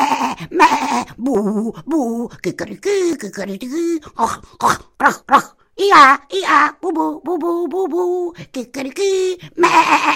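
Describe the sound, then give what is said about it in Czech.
A single voice runs through a quick string of animal imitations: donkey brays, pig grunts, a rooster crow, a bull's low bellow and goat bleats, loud and close with brief pauses between calls. “A s tímhle opakováním slovíček z oslovštiny, prasátkovštiny, kohoutovštiny, bíčkovštiny a z jazyka kozlíků došel až do háje.”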